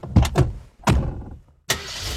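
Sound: car engine starting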